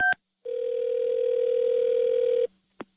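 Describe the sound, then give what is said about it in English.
A telephone ringing tone: a quick electronic beep, then a single steady, sustained tone lasting about two seconds before it cuts off with a faint click. No voices. “Don't answer the phone.”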